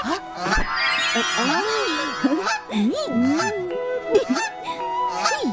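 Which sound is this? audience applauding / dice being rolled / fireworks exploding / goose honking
goose honking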